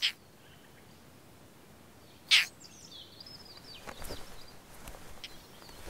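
European roller calls: two short, harsh, high-pitched bursts a couple of seconds apart, then fainter scratchy notes against a soft outdoor background hiss. No one speaks.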